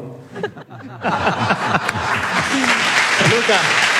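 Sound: audience applause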